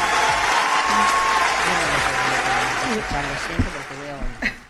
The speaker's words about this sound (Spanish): Sí, que estaban, los pelotas estaban aplaudiendo al que los borreguea y pastorea.